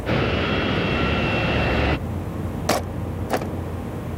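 A steady, loud engine drone fills the first half, cabin noise aboard airliner flight FT2333, then drops to a quieter hum broken by two sharp clicks.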